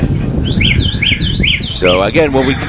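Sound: alarm going off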